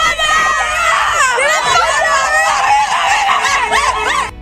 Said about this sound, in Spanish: España es campeona del mundo. Ayer Toledo, Talavera y toda la provincia en general gritó con el gol de Ferran y celebró esa victoria que nos da la segunda estrella en la camiseta.